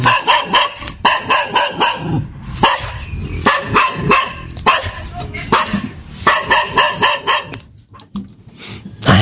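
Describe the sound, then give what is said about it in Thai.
A small dog yaps over and over in quick, high-pitched bursts, loud and sharp, with brief pauses between clusters of barks and no one talking. “บอกว่าหมาเห่าค่ะเป็นหมาตัวเล็กนะคะเพราะว่ามันเจอคนแปลกหน้า”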